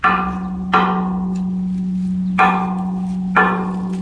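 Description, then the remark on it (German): A tall square pillar, one of a sculpture's roughly 6–7 metre tall square steles resembling broken organ pipes, is struck four times at uneven intervals, each hit ringing out like a church bell and fading, over a steady low humming tone that sustains throughout. “Auch ein bisschen wie eine Kirchenglocke.”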